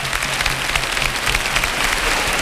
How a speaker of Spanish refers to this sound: ¡Qué cosa más grande! ¡Cómo llueven estos aplausos!